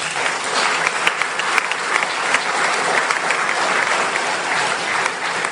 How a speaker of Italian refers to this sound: Quindi grazie ancora e vorrei chiedere un altro applauso per loro.